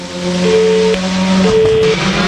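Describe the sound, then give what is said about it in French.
A loud C3 R5 rally car engine drones steadily at a rally, its tone stepping between a few pitches as it revs, with no voices heard. “Dans ce rallye, la voiture Freedom, magnifique, C3, catégorie R5, rallye 2.”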